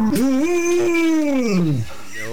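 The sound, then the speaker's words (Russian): A retriever lets out one long, drawn-out vocalization that sounds like a cow's moo, starting with a short yip, holding a steady low tone, then sliding down and fading out. Loud, no talking. “Я знаю, что вы хотите послушать, как ретривер научился мучать.”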